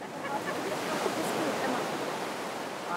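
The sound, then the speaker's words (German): Ocean surf on the beach at Carmel, a steady hissing roar of cold seawater washing in without pause for the whole stretch, even in loudness, with no clear individual wave crash. “Der Strand von Carmel zählt zu den schönsten weit und breit.”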